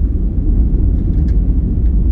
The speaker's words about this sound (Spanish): Ahí tenés un ejemplo de ruido blanco.